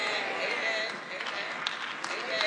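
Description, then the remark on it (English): An audience claps in a steady, dense patter for a couple of seconds, with crowd murmur mixed in and a few sharper claps near the end. “Don't charge clap now, y'all. It's too late.”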